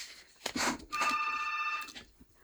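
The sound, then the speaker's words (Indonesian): A telephone on a call-in line rings once in a steady, bright electronic trill lasting about a second, preceded by a short burst of rustling and handling noise, with no one speaking. “Di line telepon sudah ada yang berdering, kita langsung menyapa saja.”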